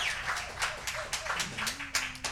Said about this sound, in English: Let's give those folks a nice round of applause for airing our program.